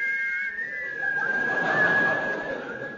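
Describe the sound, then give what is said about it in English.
Someone whistles the theme music of The Yeti, holding a long, fairly steady note that wavers slightly in pitch, over a hissy, noisy background throughout, with no talking. “They have agreed in conjunction with the NUR to play the theme music of... The Yeti! Boy, it's a catchy tune, is that, you know?”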